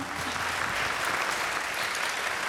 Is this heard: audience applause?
yes